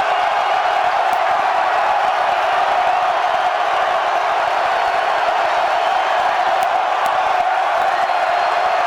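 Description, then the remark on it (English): A loud, sustained roar of a large ballpark crowd cheering and shouting at Haymarket Park, steady and dense throughout with no pauses, filling the space from all around. “You can tell how loud it is here at Haymarket Park.”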